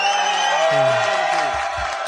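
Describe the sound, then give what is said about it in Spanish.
A short burst of crowd noise, an audience clapping and cheering with a few whoops rising over the dense, steady roar for about two seconds. “Sí, un aplauso.”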